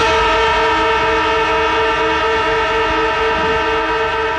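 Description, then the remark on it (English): A long, obnoxious siren blares at a steady, unwavering pitch for several seconds, loud and harsh with a buzzy, overtone-rich tone and no pauses or talking, played as a listener contest cue on Chili FM radio. “An extremely elongated and obnoxious siren sound.”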